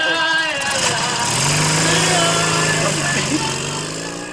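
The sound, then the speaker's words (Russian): A motorcycle engine with a sidecar starts up and revs, settling into a steady, loud drone as it pulls away after police load a drunk man into the sidecar, with indistinct voices mixed in. “Загружает пьяного в мотоцикл с коляской.”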